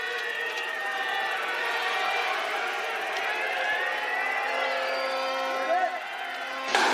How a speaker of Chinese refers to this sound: 好，选手们出发，观众的喊声响彻山谷。